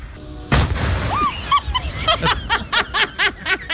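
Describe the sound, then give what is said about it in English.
A homemade cannon, lit by a man, fires with one sharp, loud boom, and a moment later someone breaks into rhythmic, breathy laughter that carries on to the end. “This was a redneck explosion.”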